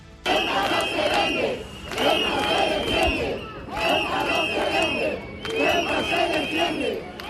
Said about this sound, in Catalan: Aquest és un dels càntics que han repetit durant la marxa fins al Tarajal, amb tot de banderes espanyoles i europees, a més de pancartes reclamant la protecció del territori de la ciutat autònoma i la dimissió del delegat del govern central.